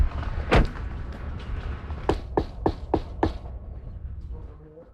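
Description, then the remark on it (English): A single heavy thud, then a quick run of five sharp knocks on a wooden front door, evenly spaced, with quiet background and no talking. “All right, let's go knock on the door.”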